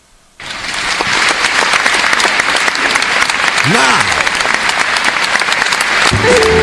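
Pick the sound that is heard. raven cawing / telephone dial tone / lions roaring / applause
applause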